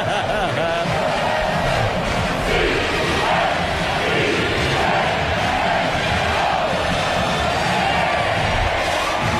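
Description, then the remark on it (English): A large stadium crowd at a Clemson college football game at night roars steadily for the whole stretch as Georgia Southern takes the field, a dense wall of massed voices with drawn-out booing swells rising and falling over the din. “And here comes Georgia Southern on the field, greeted by friendly boos.”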